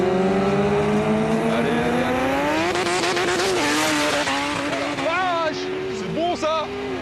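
A 1000-horsepower Honda Civic race car and a BMW S1000RR superbike (200 horsepower, 200 kg) accelerate hard together from a rolling start, loud engines rising steadily in pitch, with quick drops and climbs as they shift gears through the run.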